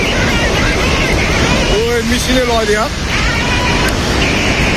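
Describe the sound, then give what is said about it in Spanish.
A steady, loud roar of rushing floodwater from river floods on the border between Nepal and China fills the whole recording, with a voice briefly calling out over the torrent midway through. “Hay unas impresionantes riadas.”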